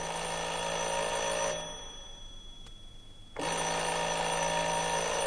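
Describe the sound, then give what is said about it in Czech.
A doorbell rings in two long, loud, buzzing bursts, about a second and a half each, separated by a short quiet pause. No voices are heard. “Někdo zvoní. Bude to ten, co prvé.”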